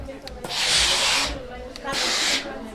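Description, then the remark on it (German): Two bursts of steam hissing from an iron while ironing, a longer loud blast followed by a shorter one after a brief pause, with a faint low hum underneath. “Dass man die richtige Einstellung hat, was den Dampfgrad angeht.”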